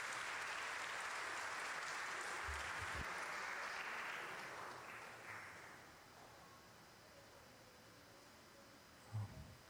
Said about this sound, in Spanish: Felicidades, les damos un fuerte aplauso también.